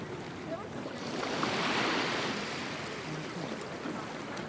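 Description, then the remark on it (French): Sea surface ambience: a steady, hissing wash of waves that swells to a peak mid-way and eases again, over a low rumble like boat engines, with no clear voices; the sound of people, boats and windsurf boards on the sea. “Si on est sur la mer au-dessus, on entend le bruit des gens, le bruit des bateaux, des planches à voile, voilà.”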